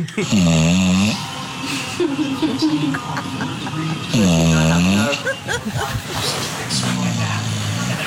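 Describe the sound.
A sleeping 10-year-old dog snores loudly, two long rumbling snores about four seconds apart with softer wheezy breaths in between, and faint voices in the background.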